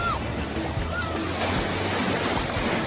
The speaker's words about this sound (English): Well, here comes the big wave.